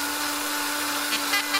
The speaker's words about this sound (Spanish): ¿Estás a full con la batidora? ¡Oh! ¿Estás preparando algo rico? ¿Qué estás haciendo?